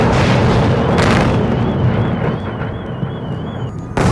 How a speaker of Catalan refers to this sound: La Força Aèria Ucraïnesa ha informat que durant la matinada una onada de drons i de míssils russos s'ha dirigit cap a Kiev, on s'han sentit fortes explosions.